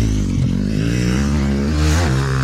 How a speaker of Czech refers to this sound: krásné dobré ráno znovu z automotoklubu Pacov, který jsem na Vysočině a teď tady právě probíhá trénink na akci, která se bude konat za týden a jeden den. Je to jedinečná záležitost pro všechny fanoušky motokrosu.